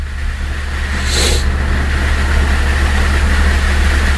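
A deep, steady rumble of rolling thunder during a light to moderate summer rain fills the whole stretch, low and heavy, with a brief hiss of higher noise early on. No one speaks.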